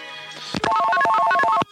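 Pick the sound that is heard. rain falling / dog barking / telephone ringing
telephone ringing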